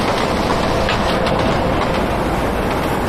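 train running on rails

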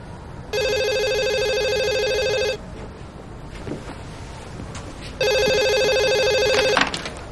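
telephone ringing

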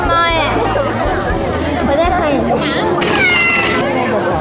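cat meowing

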